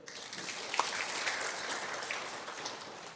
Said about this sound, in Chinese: 再一次谢谢杨讲师所发表的案例，鼓掌。